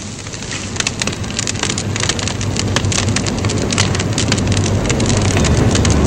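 Burning dry grass near a barn crackles and snaps in dense, irregular pops over a steady roaring hiss with a low rumble, continuous and fairly loud throughout, with no voices.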